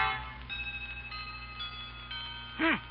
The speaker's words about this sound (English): A chiming clock is heard as Grandma consults the old-fashioned watch dangling from a chain around her neck.